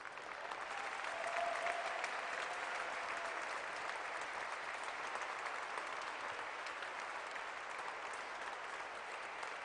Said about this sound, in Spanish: Ríndale un aplauso a Cristo.